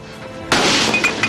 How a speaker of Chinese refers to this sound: 不给是吧？你不给我砸门了？给不给？ 你砸吧，我今天不营业了。